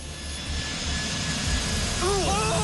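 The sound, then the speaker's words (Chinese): Flight 375, a jet airliner, roars steadily down runway nine as it accelerates for takeoff over more than 700 metres to over 200 km/h, its broad engine rumble building in loudness, with rising whistling tones appearing near the end of the short clip. “与此同时，375航班在地面滑行了700多米，速度逐渐加快，最终达到了每小时200多千米，顺利地冲出了九号跑道的尽头。”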